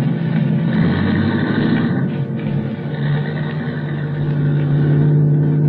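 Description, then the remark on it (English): A car engine rumbles steadily, a loud low hum holding through the whole stretch as the car starts off and drives away, with no voices over it. “And then getting in, and then we were starting off.”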